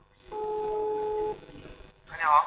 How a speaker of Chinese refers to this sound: 打这个电话就行。 好，再打一下住建局的电话。